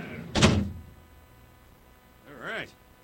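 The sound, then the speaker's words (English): A heavy door shuts with one loud thud that quickly dies away and is then locked. After a short pause, a brief squeaky, wavering sound follows. “Go and lock in the big-ass door.”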